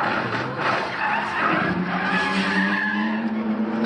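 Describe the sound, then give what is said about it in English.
A racing car skids at high speed during an endurance racing event in Europe, its tires screeching in a loud, sustained squeal over the roaring engine, unbroken for several seconds. “The actor and professional racer has once again escaped unhurt after his racing car reportedly lost control and collided with another vehicle during a high-speed endurance racing event in Europe.”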